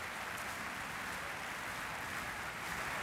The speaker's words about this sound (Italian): Continuano gli applausi del pubblico per questo concerto